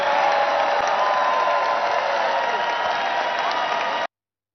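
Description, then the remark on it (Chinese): A crowd cheers and applauds Donald Trump's announcement of a $5,000 dividend to every adult US citizen, a dense, loud wash of clapping and shouting for about four seconds that cuts off abruptly. “在这个欢呼声当中，美国可能要付出的财政成本会高达1.2万亿美元，这是根据估算的。”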